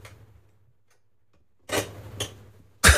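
A chair creaks in three short, scratchy bursts after a quiet stretch, creaking only with one particular movement, the final creak the loudest, with a low steady hum underneath and no talking.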